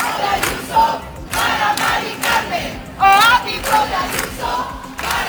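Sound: protest crowd chanting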